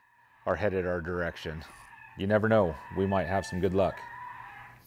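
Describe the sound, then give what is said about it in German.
A recorded rabbit distress call plays as a series of loud, quavering, bleat-like squeals in about five bursts, each wavering in pitch with a harsh, strained, crying tone and short gaps between, played outdoors as a lure to draw coyotes. “Man denke nur, was sie dem armen Hasen angetan haben, um das aufzunehmen.”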